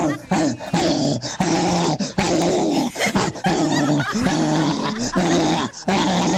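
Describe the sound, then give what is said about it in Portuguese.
A dog growls and barks frantically in a loud, nearly unbroken stream of snarls and yelps, with only brief pauses between the frenzied bursts. “Eu quero saber o cachorro louco, animal.”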